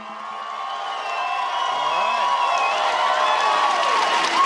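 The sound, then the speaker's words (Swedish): A large crowd of SpaceX employees cheers and whoops continuously at the company's base in Texas on 12 June 2026 as Elon Musk stands before them, a dense wash of excited voices with shouts rising above it, fairly loud and sustained throughout. “Det är den 12 juni 2026 när SpaceX grundare och vd Elon Musk ställer sig framför ett gäng jublande medarbetare på bolagets bas i Texas.”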